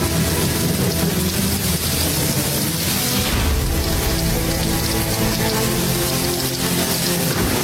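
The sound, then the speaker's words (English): A loud, steady rush of stormy wind and churning waves overtaking a small boat, a dense hiss with a deep low rumble that swells briefly partway through, with no voices. “Lord, apologies for waking you, but the wind and the waves, they're overtaking our small little boat.”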